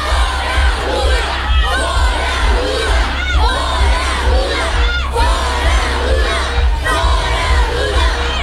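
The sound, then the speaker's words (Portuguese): A large crowd at a Nikolas Ferreira political event in Brazil shouts and chants "Fora Lula" in unison, loud, with many overlapping voices swelling in repeated rhythmic bursts over a constant low rumble. “Então, já em gritos de fora Lula ali, né?”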